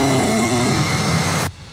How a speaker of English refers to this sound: And a little growl, a little... Oh, it looks like my dog. Netflix, get your own dog.